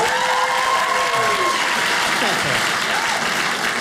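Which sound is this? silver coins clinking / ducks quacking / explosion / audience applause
audience applause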